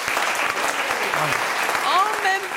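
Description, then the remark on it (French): An audience breaks into dense, steady applause that fills the whole moment, with a few voices calling out or cheering over the clapping. “ça s'applaudit, je crois.”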